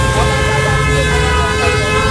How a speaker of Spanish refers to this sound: Esto suena a colapso total de tráfico. Esto suena, yo creo, a lo que todos queremos evitar mañana, ¿no?